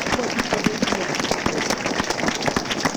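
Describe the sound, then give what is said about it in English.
A church audience claps to Jesus steadily for three seconds after a healing testimony, a dense, even patter of many hands with a few voices rising faintly underneath. “Let's clap it to Jesus.”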